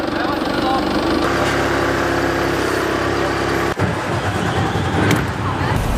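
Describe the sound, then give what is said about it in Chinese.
A heavy container truck's engine rumbles steadily as it backs in to load goods in Yiwu, China, its low drone holding throughout with a brief dip midway; faint voices can be heard beneath it. “哦，好的， 那你倒进来吧。”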